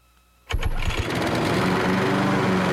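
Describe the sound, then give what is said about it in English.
A Country Clipper zero-turn riding lawn mower engine cranks over with a few sputtering pulses, then catches and settles into a loud, steady running drone, with no voices. “Step up to a Country Clipper Zero Turn Mower from Chainsaw Brothers and experience the difference.”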